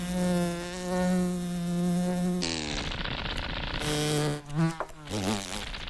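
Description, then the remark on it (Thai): A fly buzzes in flight, a loud continuous drone that holds steady, then wavers and dips in pitch as it darts around, with no voices present. “แต่แมลงที่เป็นสุดยอดนักบินผาดโผนนั้นตัวเล็กและมีเสน่ห์น้อยกว่ามากแมลงวันรู้กันดีว่ายากขนาดไหนที่จะตีมันได้”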